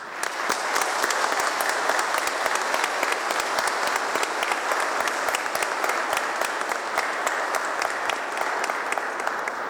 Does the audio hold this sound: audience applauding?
yes